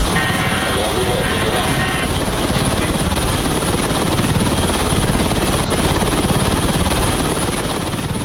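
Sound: helicopter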